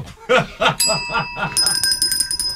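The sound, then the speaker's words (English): A short burst of laughter gives way to a bright bell rung twice in quick succession by a contestant in a spelling game, its clear metallic ring loud, lingering until the end. “I wrote my bell.”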